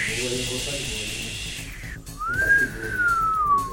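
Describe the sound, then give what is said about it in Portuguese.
A breathy, rushing hiss gives way to one long whistled tone that rises, holds, then slowly sinks in pitch, a human imitation of howling wind on a Bragança Paulista, Brazil radio news show about forecast winds of 100 km per hour, with a low voice murmuring underneath. “Né, a turma fala, vai tá assoviando o vento.”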